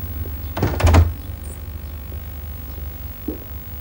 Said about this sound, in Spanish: Ella cierra la puerta.